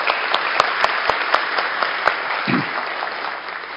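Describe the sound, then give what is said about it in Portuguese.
An audience claps steadily throughout, a dense, loud wash of hands with a few sharper individual claps standing out and a brief low thump midway: a warm applause for the attending authorities and other guests at the opening of a ceremony. “Agora um aplauso caloroso a essas autoridades e as demais que se encontram conosco.”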